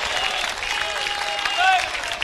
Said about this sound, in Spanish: Esto viene de Dios. Dele fuerte ese aplauso, ese es para él.